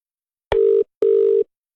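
A telephone rings twice before a call is answered, two short steady electronic tones with a brief gap between them, clear with no voices.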